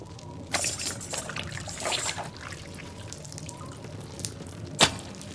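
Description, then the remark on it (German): Water drips from a papermaking mould onto a freshly made paper sheet in irregular splashes over a low steady background hiss, with one sharper, louder drop near the end and no voices. “Es tropft vom Sieb auf den frischen Bogen.”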